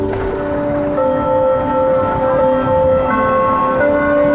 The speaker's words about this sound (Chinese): 当钟声再起，东方红在城市上空悠扬回荡，一如世纪更迭时刻的初鸣。 它的响起会让唤醒了整个天津人，很多来天津的游客都会纷纷来打卡，无论是在天津能听到，甚至全国人都能听到，我们也是展望是全球人能够听到。